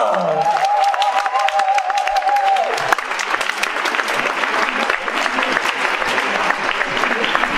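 Sustained audience applause fills the room, dense and steady throughout, with a brief cheer or whistle-like tone near the start before the clapping carries on evenly.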